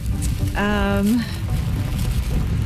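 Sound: rain falling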